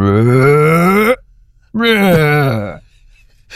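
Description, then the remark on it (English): A human voice mimics a humpback whale song with two long, loud, moaning calls separated by a short pause, each sliding in pitch and trailing off, with a low, groaning tone. “I'm not sure I can do justice to the full humpback whale voice, but it's something like...”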